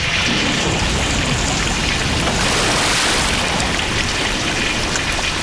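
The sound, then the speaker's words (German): Loud, steady rush of water pouring and flooding into a cellar, leaving the whole cellar under water, a dense continuous wash of splashing noise that never lets up, with no voices. “Na schau, jetzt steht mein ganzer Keller unter Wasser.”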